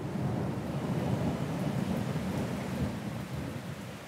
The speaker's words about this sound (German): Sommerregen oder Regensommer? Ich glaube, die Frage stellt sich gar nicht. Für uns heißt das auf alle Fälle Zwangspause. Grummelt ganz schön, Blitz und Donner sind auch dabei.